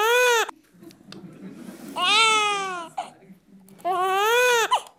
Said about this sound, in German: Das Deutsche hat ja eine fallende Intonation. Das heißt, wir finden bei deutschen Babys bevorzugt auch fallendes Weinen.